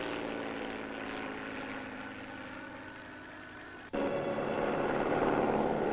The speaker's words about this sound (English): Here comes the plane. Probably Professor Morassi.